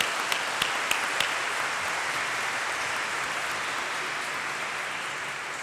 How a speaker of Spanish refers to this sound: Un fuerte aplauso.